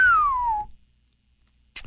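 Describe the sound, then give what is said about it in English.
A person whistles in place of a whistle sound effect, one short, clear note that slides steadily downward in pitch, fairly loud, then stops, leaving a second of near silence. “I considered using a whistle sound effect there, but we couldn't afford it, so that was actually me.”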